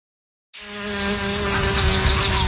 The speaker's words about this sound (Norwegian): Sommer for meg er å la humla suse og livet bruse.